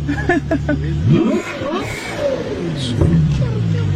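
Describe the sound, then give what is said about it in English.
A powerful Ferrari front-mounted 12-cylinder engine revs loudly, its pitch climbing and dropping in a couple of surges over a steady idle, with voices faintly present underneath. “I mean, yeah, it's a 12-cylinder front engine. Makes so that really shrieky sound.”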